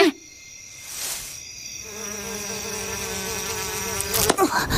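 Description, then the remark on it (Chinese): A thin, high whining buzz of mosquitoes among many sunflowers drones steadily for several seconds, its pitch wavering slightly as it hovers, with no voices and a brief louder swell near the end. “这里好多蚊子啊， 这边也是呢”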